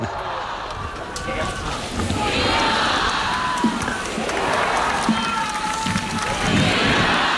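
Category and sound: crowd, crowd cheering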